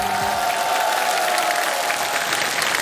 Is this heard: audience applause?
yes